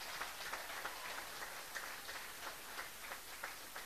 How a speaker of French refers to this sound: gros applaudissement pour ça.